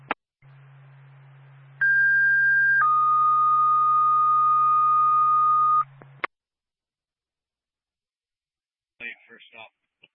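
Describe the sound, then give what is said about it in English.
Fire dispatch paging tones for the Sugar Hill Fire Department over a radio channel, for a commercial fire alarm activation in Sugar Hill: a steady higher tone for about a second, then a longer lower tone for three seconds, over a low hum, before a voice briefly begins. “Westland State, to Sugar Hill Fire Department, stand by for tone.”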